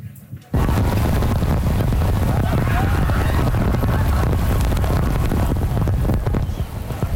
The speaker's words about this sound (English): Sheets of rain coming down on the nation's capital, sending people headed for cover and spoiling the party.